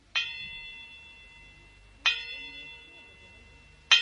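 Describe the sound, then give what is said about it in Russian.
A clear, moderately loud chime rings out three times, roughly two seconds apart, each strike sustaining a bright metallic tone that fades slowly, as a precious clock strikes five o'clock. “Послышался знакомый, но уже давно не раздававшийся звон.”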